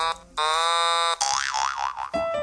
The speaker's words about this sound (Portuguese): Uma buzina de carro interrompe a discussão.